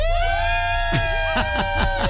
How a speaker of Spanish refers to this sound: Miren, es uno, dos, tres, cuatro, cinco. Cinco personas que están hoy con toda su atención lista para que ustedes la pasen increíble de aquí hasta la 1 de la tarde. Escuchen su grito. ¡Grito del Serpentario!